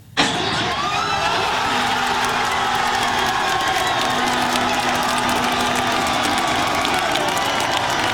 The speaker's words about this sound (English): As we head to break, a little more on Team Canada's historic game, assuring its best ever finish in the World Cup, thanks to a win over South Africa in the round of 32 on Sunday. Fans in Los Angeles and right here at home cheering the team on.